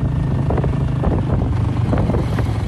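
A small motorbike engine drones steadily, its low hum mixed with heavy wind rush buffeting the microphone as a woman rides it without pause from her home to her farmland in Prux Phi Village, southwest Cambodia.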